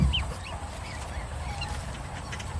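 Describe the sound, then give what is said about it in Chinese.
Three black swan cygnets give soft, scattered peeping calls while eagerly eating feed a keeper has thrown on the ground, faint against a steady low rumble of outdoor background noise, with no one speaking. “每当饲养员投喂饲料时，第一窝黑天鹅三只幼鸟都吃得格外急切，因为这桶饲料还要喂其他黑天鹅，它们大约能吃5分钟。”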